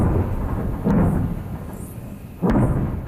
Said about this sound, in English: Explosions in southern Lebanon overnight.